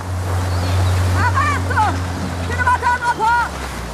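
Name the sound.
motorboat approaching a beach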